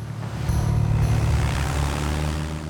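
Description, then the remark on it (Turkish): A small propeller plane, call sign 66 Tango Sierra, ready for takeoff: its engine drones steadily and loudly, a constant buzzing hum with a throbbing low rumble and airy hiss, holding at an even pitch throughout. “Kule, 66 Tango Sierra uçak kalkış için hazır.”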